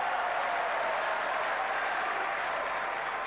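A tennis crowd at a Tiafo versus Bublik match applauds and cheers at 15-30 in the final set, in a steady, dense wash of clapping that stays loud and even throughout, with no single voice standing out.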